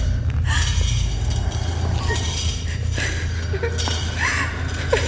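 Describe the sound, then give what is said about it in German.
A pickaxe, dragged by a figure entering a room, scrapes and grinds along a hard floor in a continuous rasping drag, with occasional higher metallic squeals and clinks over a low rumbling undertone. “Die Spitzhacke am Boden schleifend betritt die Gestalt schließlich den Raum.”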